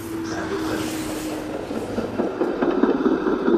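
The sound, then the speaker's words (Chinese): A train on the railway linking northern and southern China crosses the Han River outside the Xiangyang city wall, rumbling steadily past, a faint whining tone over the rolling noise, then rhythmic clattering of wheels on rails grows louder toward the end. No one speaks. “城墙外连通中国南北方的交织铁路穿江而过”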